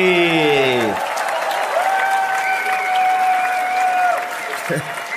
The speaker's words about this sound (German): Einen riesen Applaus für Achim Petri.